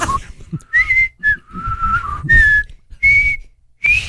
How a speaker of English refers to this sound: Can you whistle like that? Yeah, not like that. No, not like that.